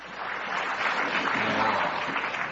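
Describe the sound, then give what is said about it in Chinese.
A crowd applauds steadily at a xiangsheng (Chinese crosstalk) performance during Golden Week. The dense clapping fills the whole stretch at an even level with no voices over it, like an audience greeting performers as they walk on. The performers are Tian Lihe and Wang Wenyu, performing the piece 大保镖. “您还叫我们说话啊？观众啊，太欢迎了，也难怪黄金周这个时候您到这儿听听相声，高尚的艺术欣赏啊，多好啊，还清静。”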